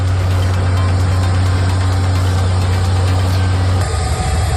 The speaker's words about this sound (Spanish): Sonido de los helicópteros que sobrevuelan la zona en un dispositivo de evacuación inédito en el que están involucradas 23 nacionalidades.